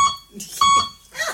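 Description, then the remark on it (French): Two short electronic beeps, a brief one at the start and a longer one a moment later, clear, with faint voice-like murmurs between and after them; the beeps are someone's way of answering, one beep meaning yes and two meaning no. “Ah, il parle comme ça? Comment ça marche? Un bip, oui, deux bip, non.”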